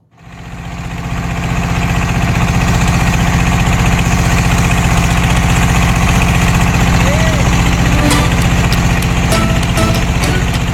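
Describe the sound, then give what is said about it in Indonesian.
A small perahu ketek motorboat engine chugs steadily and loudly on a river trip from Sungsang Port at Tanjung Api-Api to Sungsang 4 village, Banyuasin, South Sumatra, Indonesia: a constant droning putter with a fast rhythmic pulse throughout, with a few faint clicks and knocks near the end. “Perahu ketek menjadi sarana tercepat perjalanan sungai menuju desa Sungsang 4 dari Pelabuhan Sungsang di Tanjung Api-Api Banyuasin, Sumatera Selatan.”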